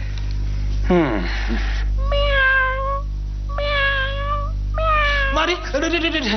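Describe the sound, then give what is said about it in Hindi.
A cat meows several times in a row, each call drawn out and fairly loud, with a low steady hum running underneath; the cat is walking past in front of someone at home. “ये बिल्ली क्यों मेरे सामने से चली है?”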